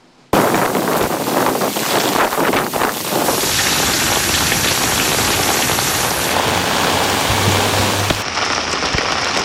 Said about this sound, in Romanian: Noul taifun este a 25-a furtună care lovește Japonia anul acesta. A adus rafale de vânt de aproape 200 de kilometri pe oră și o cantitate record de precipitații.